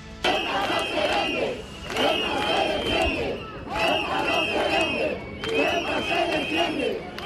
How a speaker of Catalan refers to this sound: Aquest és un dels càntics que han repetit durant la marxa fins al Tarajal, amb tot de banderes espanyoles i europees, a més de pancartes reclamant la protecció del territori de la ciutat autònoma i la dimissió del delegat del govern central.